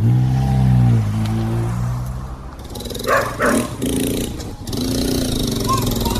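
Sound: dogs barking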